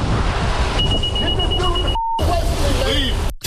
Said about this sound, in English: So he noticed, well, this is some car alarm or something.